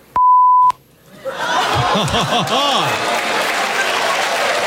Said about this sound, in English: Correctly identify what the beeped out word is